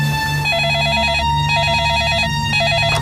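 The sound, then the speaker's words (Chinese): A telephone rings loudly and steadily with a rapid warbling trill, repeating in regular bursts about once a second, over a low background hum. “喂，你好，六组。”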